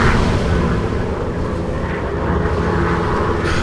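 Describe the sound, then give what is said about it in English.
A loud, steady engine drone of a rescue airplane flying overhead, a deep continuous rumble that holds for the full few seconds with no voices. “A rescue plane.”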